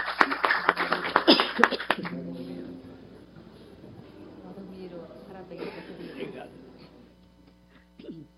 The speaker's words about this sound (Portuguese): Quem estava torcendo pelo Brasil aí? Lógico, né? Uma salva de palmas para o Brasil e para o Japão. Muito obrigada.